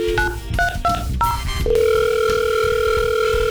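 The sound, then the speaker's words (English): A phone line rings out as KCLD radio calls a listener: a quick series of short electronic beeps, then a long, steady ringing tone, clear with no voices. “Hopefully, if your phone rings with KCLD and Papa Murphy's.”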